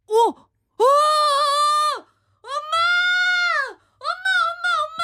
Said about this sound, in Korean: 닭 소리가 왜 저러지?